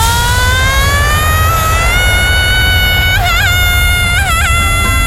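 A woman lets out one long, sustained high-pitched scream that slowly climbs in pitch and wavers near the end, loud over a steady rushing, rumbling background, as she is sent upward on the Space Shot drop ride at the Tusenfryd amusement park.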